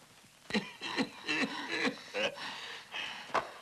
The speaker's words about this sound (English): What's the matter? Nothing. Just coughing.